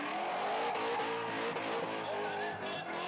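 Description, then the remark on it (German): Drifting cars in the Drift Challenge at a motor show roar and rev continuously, engines whining up and down in pitch over a dense wash of tire squeal and crowd noise, loud throughout. “Ein Highlight der Messe, die Drift Challenge. Hier zeigen die Fahrer, was sie können und die Zuschauer, was sie mögen.”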